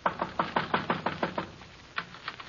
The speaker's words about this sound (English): At one end is a small wooden shed big enough for a half a dozen garbage cans with a cheap padlock on the outside. Just in a hunch, I go over to the shed and knock.